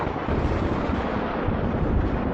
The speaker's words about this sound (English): A noise they've never heard of before. We know it as thunder, but they didn't know what it was.